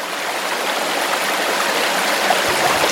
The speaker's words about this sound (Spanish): Estamos en la chorrera de calabazas, justo donde el agua salta varios metros al vacío para caer en una pequeña pocita.